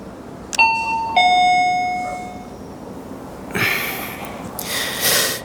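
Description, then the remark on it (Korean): A two-tone doorbell chime rings once at the door of the last flat on the fifth floor of an old apartment building, a bright ding followed by a lower, lingering dong, then fades into quiet before some soft rustling and breathy noise. “계단을 오르느라 가쁜 숨을 몰아쉬고는 잠시 망설이다. 초인종을 눌렀다.”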